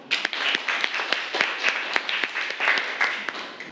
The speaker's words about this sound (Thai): เราขอเสียงปรบมือให้เพื่อนหน่อยครับ